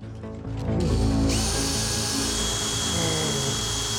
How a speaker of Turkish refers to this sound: Bunu açmanın bir diğer güzel yolu... Nedir? Matkap kullanmaktır. Esas sorun eski bir kasa olması. Ne kadar eskiyse genelde o kadar sağlam oluyor. Maymuncukla şansım iyi gitmedi. Matkapla deneyeceğim.